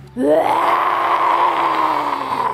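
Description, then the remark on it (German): Children imitate a lion's roar during a children's yoga session, doing the lion pose with eyes wide and tongues out: one long, loud vocal cry that swoops upward at the start, then holds steady and strained for over two seconds, sounding more like a high wail than a growl. “Und die Zunge kommt weit raus und wie macht der Löwe?”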